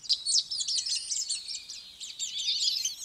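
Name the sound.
eurasian golden oriole song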